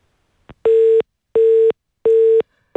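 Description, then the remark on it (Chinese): A telephone busy tone after the called party hangs up on a live Guangdong Radio and Television hotline programme call: three loud, steady mid-pitched beeps in an even on-off rhythm, with a fourth just starting, preceded by a faint click. No one speaks. “我今天节目开始就是希望说啊，不要再出现挂断电话。”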